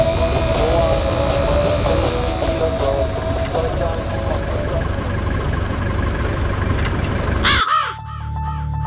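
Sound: raven cawing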